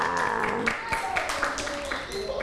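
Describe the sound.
A group of children clap their hands in a quick, uneven patter of many overlapping claps, with voices chattering underneath throughout, applauding a classmate who correctly picked the smaller of two pictures during a teacher's lesson on sizes.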